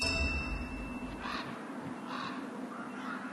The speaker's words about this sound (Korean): 큰 까마귀들은 포식자나 눈 때문에 죽은 동물을 놓치는 법이 없습니다. 하지만 이들의 움직임과 울음소리는 다른 동물들을 불러들이죠.